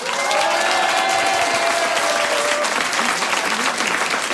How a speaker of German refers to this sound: Wir schicken hier vom Kolsersberg einen riesen Applaus in die große, weite Welt hinaus.